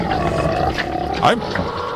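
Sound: pig snorting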